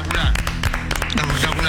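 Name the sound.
group applauding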